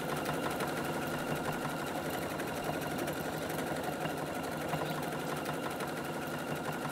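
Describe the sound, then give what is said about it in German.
A sewing machine runs steadily throughout, its needle clattering in a fast, even rhythm over a continuous mechanical hum, loud and unbroken, with no voices. “Schnurrt sie wieder, ne?”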